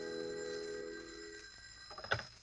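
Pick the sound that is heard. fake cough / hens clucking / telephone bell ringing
telephone bell ringing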